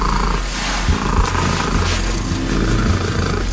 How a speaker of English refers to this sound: It registers 54.6 decibels. What does that sound like? Here you go. Not a gentle purr, something more terrifying. And it's a little cat, too. How does this big sound come out of this tiny little cat?